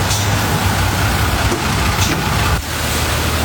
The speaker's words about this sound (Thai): ตอนนี้ที่ฉันอยู่บนรถเมล์กำลังจะนั่งไปไทย PBS ค่ะ